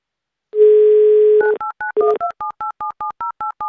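A steady telephone dial tone holds for about a second, then gives way to a quick, even run of roughly a dozen short two-pitch touch-tone beeps as Avtoradio dials a listener in Perm Krai for its game Mnogo deneg. No voices are heard.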